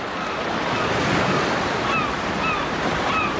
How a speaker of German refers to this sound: Plötzlich hörte ich entfernte Wellen und Möwen.